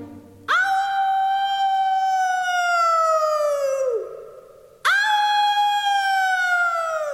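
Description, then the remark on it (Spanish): A person wearing a disguise imitates a wolf howl with two long, loud, sustained howls, each starting abruptly and slowly falling in pitch, the first fading before a brief gap and the second following. “Así que al llegar al árbol, me puse el disfraz y comencé a hacer mi mejor imitación de lobo.”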